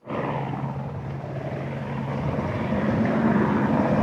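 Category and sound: vehicle, firefighting aircraft flying overhead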